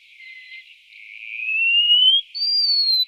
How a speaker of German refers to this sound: Und wie ein Basstölpel ins Meer tauchen wir nun ein, die Vögel kennenzulernen, die Regensburger Banknoten schmücken dürften. Der Mauerläufer.